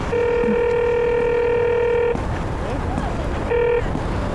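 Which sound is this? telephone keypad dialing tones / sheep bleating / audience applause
telephone keypad dialing tones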